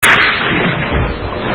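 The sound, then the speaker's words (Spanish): A loud, muffled burst of compressed air, like an underwater harpoon gun firing, opens with a sharp pop and then rushes and rumbles on for over a second, with no voices. “Los primeros disparos de arpones suenan como estallidos de aire comprimido en la masa submarina.”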